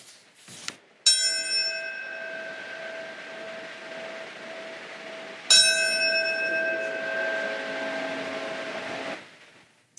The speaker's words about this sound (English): Ceremonies included a ringing of bells at the time two of those planes crashed into the Twin Towers in New York City.